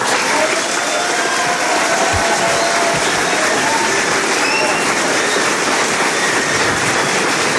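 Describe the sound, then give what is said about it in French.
Sustained applause fills the salle des fêtes of the Élysée Palace in Paris, a dense, steady wash of many hands clapping at an even loudness for the whole stretch, with no voices standing out. “Les applaudissements de la salle des fêtes de l'Elysée.”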